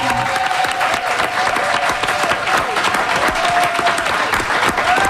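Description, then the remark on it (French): Steady, dense applause from an audience for Steven Guilbeault and Manon Massé, a continuous wash of many hands clapping at an even loudness for several seconds, with a faint tonal whistle or hum running through it. “On les applaudit!”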